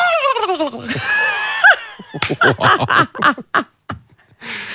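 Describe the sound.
A person imitates a turkey gobble with their voice, starting with warbling, falling tones and breaking into a quick series of throaty, rattling pulses, loud with no speech.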